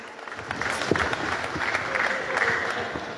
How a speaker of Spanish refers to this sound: Seguidamente vamos a tener también las palabras del alcalde municipal de Viña Tunari. Así que recibimos con fuertes aplausos al alcalde Omar Claros, que también brinda sus palabras de circunstancia.